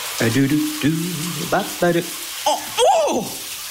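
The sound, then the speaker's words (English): A steady hiss of shower water spraying in a surprise cold shower, broken by a string of short, pitched yelps and gasps that rise and waver as someone reacts to the cold. “That's the sound of a surprise cold shower.”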